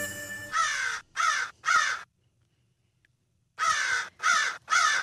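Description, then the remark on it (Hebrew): Two bursts of three harsh, raspy fan-tailed raven calls, loud, separated by about a second and a half of silence, with a faint tonal sound just before the first call; the ravens are in the Dead Sea region of Israel. “מחקר ישראלי חדש על עורבים קצרי זנב באזור ים המלח חושף תובנה כמעט אנושית.”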